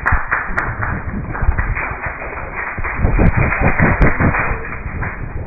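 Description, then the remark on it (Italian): A busy room full of clatter as a debate ends: repeated thumps, taps and scraping like chairs being shifted around, with a constant murmur of crowd commotion, steady throughout. “È finito il dibattito, movimenti di sedie, casino”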